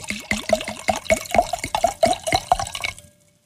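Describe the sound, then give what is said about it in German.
Wine pours from a bottle into a glass in a quick run of rhythmic glugs, clear, lasting about three seconds before stopping abruptly. No one speaks. “Dann gieß doch mal ein,”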